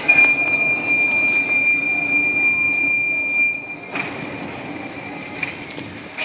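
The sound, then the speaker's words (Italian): A subway train rumbles steadily along the rails with a thin, high whine over the noise for the first few seconds, then the roar shifts and continues as the car keeps moving. “ci prendiamo la metropolitana e andiamo a trovare il nostro primo abitante dell'ombra del tre”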